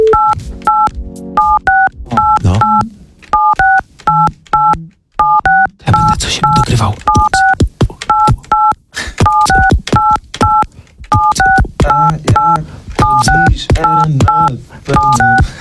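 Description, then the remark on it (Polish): A tune tapped out on a radio studio telephone's keypad tones: short, bright dual-pitched beeps in quick rhythmic groups, played loud, with a man briefly speaking and some low rumbling underneath. “Ja mam taki pomysł, czy ty możesz nam teraz skomponować kawałek na naszym radiowym, na pięknym telefonie zresztą.”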